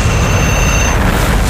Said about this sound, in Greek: Εδώ είναι το beat the bomb. Σταμάτα το χρόνο πριν σκάσει.